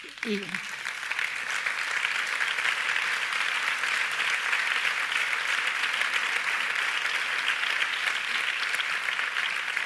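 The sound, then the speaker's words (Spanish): An audience claps continuously and steadily for the whole stretch, applauding in memory of women murdered by their partners or ex-partners: a dense, even wash of many hands that holds its loudness throughout, with a brief voice audible at the very start. “Y que este aplauso sirva también para recordar cada uno de sus nombres, cada una de sus historias y señalarnos también el camino que todavía nos queda por recorrer.”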